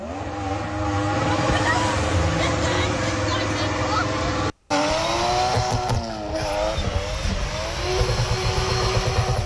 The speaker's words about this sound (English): Over 100 cars, including balaclava-clad motorcyclists, sped up and down the main road connecting Twinbrook, Lagmore and Poleglass.